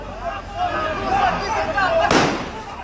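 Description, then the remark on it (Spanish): A single sharp gunshot, police firing lead bullets at a man, cracks out loudly near the end, cutting through a noisy background of raised, shouting voices from a crowd. “Pero las balas de goma no le hacían ni cosquillas, así que recurrieron a las de plomo.”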